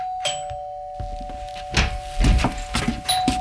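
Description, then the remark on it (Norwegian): A doorbell rings as one steady, sustained tone that holds for several seconds, while a series of irregular dull thuds and bumps start up partway through. “Samme skjer hvis man opplever at det ringer på døra, og så er man opptatt med noe annet.”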